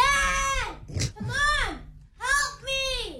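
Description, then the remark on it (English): A young boy shouts in the background of a phone call in loud, high-pitched bursts: four drawn-out cries with pitch that rises and falls, separated by a short breathy hiss. “Why is your kid so shouting?”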